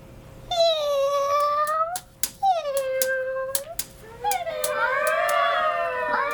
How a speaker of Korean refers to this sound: 카오스무늬 고양이가 배수로에서 굴 안으로 들어오며 울었다.